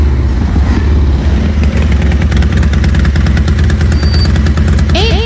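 Five motorcycles queue to fill up with petrol, their engines idling steadily in a low continuous rumble with rhythmic putter, joined near the end by a brief rising whine as one revs up.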